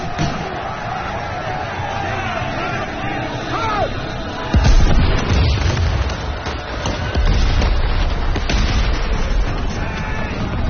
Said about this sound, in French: Au matin du 7 septembre 1812, les canons tonnent et le ciel s'embrase. À Borodino et dans les collines alentours, on dénombre 140 000 hommes pour la grande armée contre 150 000 côté russe.